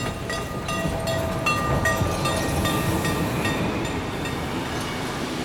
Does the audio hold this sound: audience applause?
no